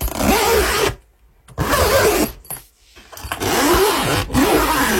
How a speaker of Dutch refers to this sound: Het open en sluiten van een koffer om op vakantie te gaan. Nou, die haalde ik er ook meteen in uit. Dat geritsel van dat lipje van de rits. Het had ook een tent kunnen zijn, dat dacht ik eigenlijk eerst.